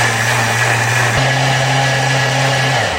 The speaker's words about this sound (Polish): No i oczywiście konieczna do tego jest również woda. Kiedy wszystko już mamy, zaczynamy to miksować.